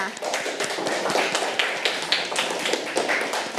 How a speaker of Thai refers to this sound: เก่งมากค่ะเอาปรบมือให้เพื่อนค่ะ